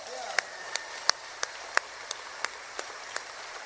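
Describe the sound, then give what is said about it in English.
Concert audience applause for a bass player from Pensacola, Florida, as a steady series of about ten sharp, evenly spaced claps, roughly three per second, over a faint background hiss. “A nice round of applause, if you will, from Pensacola, Florida,”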